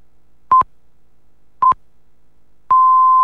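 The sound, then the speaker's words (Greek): Radio time signal marking 7 o'clock: two short, identical mid-pitched pips about a second apart, then a longer steady tone of the same pitch that holds to the end. Clean electronic beeps with silence between them. “Η ώρα είναι 7.”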